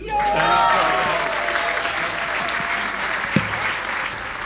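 A crowd applauds steadily with a dense wash of clapping, some whistles and cheers rising at the start, holding loud and even throughout, as a jazz musician receives the Guldnålen 2025 prize.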